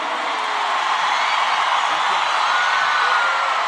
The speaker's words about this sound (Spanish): Fuerte el aplauso al rey.